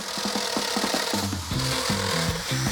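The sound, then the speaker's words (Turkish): A grinding sander whirs steadily while scraping paint off metal to give it a rougher, aged look, its pitch wobbling up and down in short bursts as the tool presses and lifts against the surface, with a gritty abrasive hiss throughout. Fairly loud, no talking. “Bir taşlama zımparası alacağız ve boyayı kazıyıp biraz daha kaba görünmesini sağlayacağız.”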